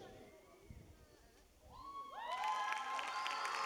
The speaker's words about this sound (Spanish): ¡Un fuerte aplauso! Me sentí en el mundial en la inauguración, Dios mío. ¡Gloria a Dios!